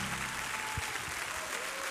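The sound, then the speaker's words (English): An audience claps hands to God in a dense, steady wash of applause, many overlapping claps blending into a continuous bright crackle with no voices standing out. “Somebody clap your hand to God in this house.”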